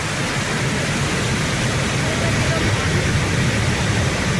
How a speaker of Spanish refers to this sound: Estamos escuchando la Cascada del Molino, ¿o qué? Porque tiene, tengo entendido, unos cuantos nombres.